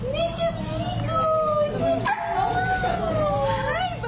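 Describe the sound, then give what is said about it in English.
An excited cocker spaniel named Mr. Pickles howls and yips in long, wavering high-pitched cries that rise and fall, with short barks breaking in, sounding continuously over a low rumbling background, at Veg ER, a veterinary hospital in Chapel Hill. “On Thursday, July 16th, a very excited Cocker Spaniel made his way through the doors of Veg ER, a veterinary hospital in Chapel Hill.”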